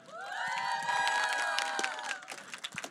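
A crowd cheers and applauds, with loud high-pitched whoops and screams swelling together for about two seconds, then thinning into scattered claps and shouts.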